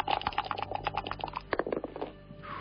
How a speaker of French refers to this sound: On va lancer les dés quand même. Lancement de dés.